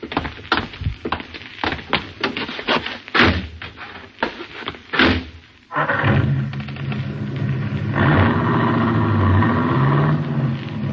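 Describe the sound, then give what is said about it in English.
Several thuds and door-like slams, then a car engine starts abruptly and keeps running loudly and steadily as the car drives off, with no talking. “Some buggy.”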